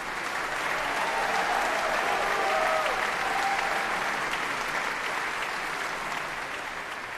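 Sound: audience applause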